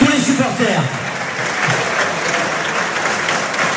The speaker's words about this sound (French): Tout le stade applaudit notre équipe pour ce match. Merci beaucoup. Applaudissements pour Colombier Rugby pour cette belle partie.